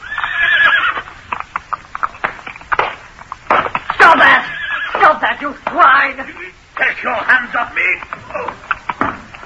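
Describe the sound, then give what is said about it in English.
A horse attached to a wagon in a passing military convoy plays up, whinnying and neighing loudly several times while its driver beats it with a stave; hooves clip-clop in a busy, irregular rhythm, with muffled voices underneath. “A horse attached to one of the wagons was playing up, and as it came opposite us, the driver produced a great stave, and cursing angrily, he began to belabor the unfortunate animal.”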